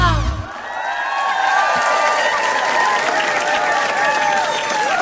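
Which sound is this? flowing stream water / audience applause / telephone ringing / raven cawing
audience applause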